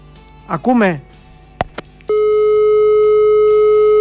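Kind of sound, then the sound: signal or alarm, telephone busy tone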